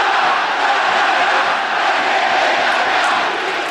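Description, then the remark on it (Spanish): A crowd of about 14,000 at the Fiscal stadium in Talca roars and chants in unison before a football match, a loud, sustained wall of voices that barely dips over a few seconds, with no individual speaker standing out. “14.000 gargantas van a gritar el R con algo que ustedes van a escuchar.”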